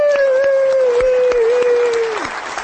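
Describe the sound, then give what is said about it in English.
Loud applause from the audience of the show Living Right with Dr. Ray, with scattered sharp claps, overlaid by a steady sustained whistle-like tone that slides downward and fades near the end. “Give yourself a hand, would you?”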